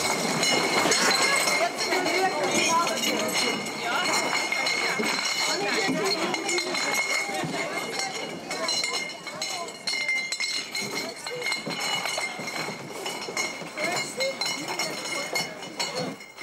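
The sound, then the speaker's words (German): Beer glasses clink and knock together repeatedly as a few thousand are stacked in a beer tent at the Wiesn (Oktoberfest) in a busy space, with a steady clatter of stacking over a murmur of many voices. “Ein paar tausend Gläser müssen eingeräumt werden.”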